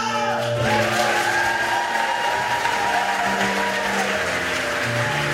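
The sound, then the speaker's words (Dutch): A large audience claps and cheers steadily, a dense wash of applause filling the hall of Theater De Spiegel in Zwolle during a festive evening ceremony for the Overijssel provincial culture and talent prizes, applauding the big winner, with loud music playing underneath throughout. “applaus voor de grote winnaar,”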